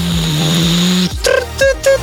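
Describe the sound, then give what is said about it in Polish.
A coffee machine runs with a steady low mechanical hum for about a second, then stops, followed by a few short bursts with high electronic beeps. “I co to jest? Ekspres do kawy, no hello!”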